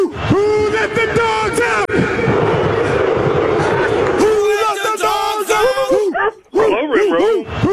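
Loud barking and howling ring out over a noisy, cheering crowd, starting with long drawn-out howls and turning into rapid, repeated woofs near the end.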